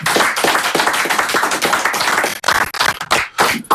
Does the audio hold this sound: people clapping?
yes